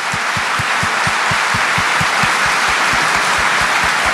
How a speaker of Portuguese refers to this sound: Quem está entendendo pode aplaudir, que isso é forte.